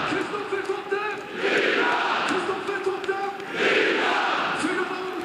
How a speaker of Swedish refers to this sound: Ja, för nu har Norrköping gjort 4-0 i Superettan-mötet mot GIF Sundsvall. Det är rutinerade Kristoffer Totte Nyman som gör sitt 18:e mål den här säsongen i den 88:e matchminuten, och ni kan väl höra publiken.